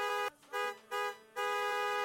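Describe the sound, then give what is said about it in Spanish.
A car horn honks a rhythmic signal pattern lasting about 3.5 seconds: two short blasts followed by a longer one, loud, with brief silent gaps between them and no talking. “Tú con tu claxon tienes que hacer este sonido.”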